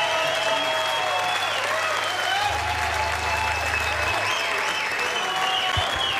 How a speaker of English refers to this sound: Thank you. Thank you. Another round of applause, because that was just...